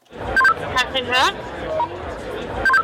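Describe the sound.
Short electronic beeps open and close a brief burst of radio-style speech, like a walkie-talkie transmission, with a woman's voice heard in between over faint background chatter.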